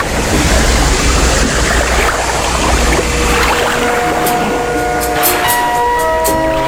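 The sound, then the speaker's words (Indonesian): Loud, continuous rush of ocean waves with a deep rumble around an arriving ship carrying dozens of soldiers as it anchors at Singkarabua; partway through, steady sustained tones join in and hold to the end. No one speaks. “Suatu ketika, di tengah kedamaian, datang pula seorang pelaut ulung dengan kapal yang memuat puluhan prajurit. Kehadirannya langsung berlabuh di Singkarabua, sekaligus ingin menguasai wilayah yang terlihat dari laut begitu indah dan menakjubkan.”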